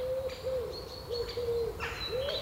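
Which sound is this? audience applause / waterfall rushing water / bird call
bird call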